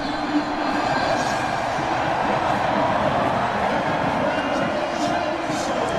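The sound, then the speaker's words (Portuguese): A dense crowd of France football fans behind the goal at a World Cup match roars and cheers in celebration as France's players jump and dance in front of them, a steady, loud wall of voices that holds without pause for the whole stretch. “Eles pulam na frente dos torcedores da França. Esse é o som.”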